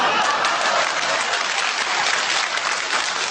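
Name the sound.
audience applause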